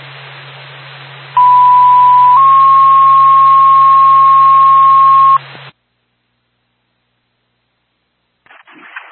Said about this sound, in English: NORPAC Whitefield Fire Department, stand by for tone.